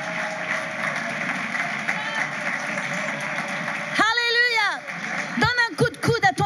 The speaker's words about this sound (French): Est-ce qu'on peut applaudir le Seigneur Jésus ce matin?